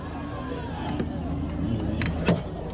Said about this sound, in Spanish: ¡No somos nosotros! Acaban de reventar el coche por atrás. Acaban de atacar el coche otra vez, por adelante y por atrás.